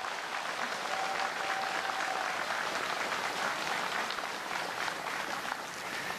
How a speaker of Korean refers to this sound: 바쁜 국정에도 봉축 법요식에 참석하여 축사를 해주신 대통령님께 다시 한번 뜨거운 박수 부탁드립니다.